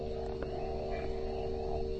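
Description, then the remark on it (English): A steady, droning chorus of frogs calling in a peat bog, blending into a continuous low hum with no breaks and no voices. “Sinking into the peat mat. Enjoying the sounds of frogs and the like.”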